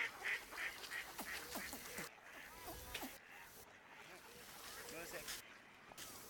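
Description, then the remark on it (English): A busy chorus of ducks quacking and calling over one another on a pond, recorded with a long-distance microphone, with birds flapping in water, a child's voice and a man talking to a child mixed into the outdoor background. “Ducks quacking.”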